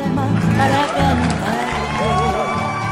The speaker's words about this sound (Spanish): Bueno, este aplauso también se lo extendemos a cada uno de ustedes que está ahí en su lugar de trabajo, ¿cierto?